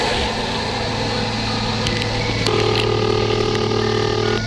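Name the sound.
telephone ringing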